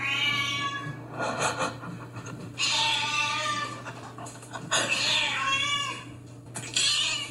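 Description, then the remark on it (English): A neighbour's cat meows loudly and insistently to be fed, several long, drawn-out wailing cries in close succession, over a steady low background hum. “And this is her cat when it wants fed.”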